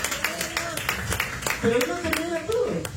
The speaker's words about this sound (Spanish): Dale una ofrenda de palmas suaves a Dios. ¡Aleluya!